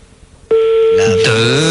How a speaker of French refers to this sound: Ouais, je donne 3 sonneries, ça décroche.